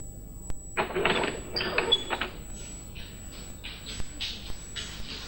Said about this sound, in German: Es war gar nicht so leicht, den schweren Holzriegel zur Seite zu schieben.